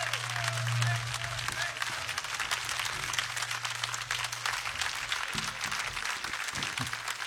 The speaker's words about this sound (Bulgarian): Моля вашите силни аплодисменти за Веселин Веселинов